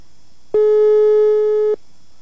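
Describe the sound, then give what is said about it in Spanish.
A single steady electronic telephone ringing tone, about a second long, sounds clearly and fairly loudly before stopping, with quiet background and no talking, as a call is placed to a contest winner's cell phone. “A ver, ¿está timbrando o no? Vamos a ver. Aquí dice que está timbrando.”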